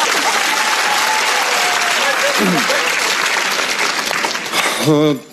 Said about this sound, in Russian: Друзья, ваши аплодисменты, пожалуйста.